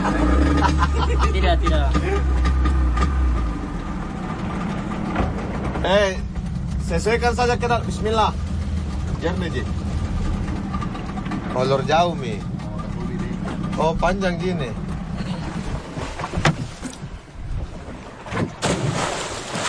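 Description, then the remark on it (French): Divers getting their gear ready on a boat deck, setting up scuba tanks, buoyancy stabilizers and other equipment, with a steady engine rumble underneath, scattered knocks and clatter, and people talking throughout. “l'équipe de plongeurs qui est en ce moment en train de se préparer sur le pont, à installer les bouteilles de plongée, les stabilisateurs, tout le matériel.”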